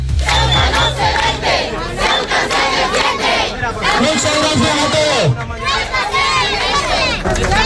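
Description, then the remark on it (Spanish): Hundreds of residents protest in the evening in the autonomous city of Ceuta, Spain, chanting slogans such as "Ceuta no se vende, Ceuta se defiende" loudly in unison, voices rising and falling in a steady rhythm with shouts layered over a constant roar that never lets up. “cientos de vecinos se han manifestado esta tarde en la ciudad autónoma.”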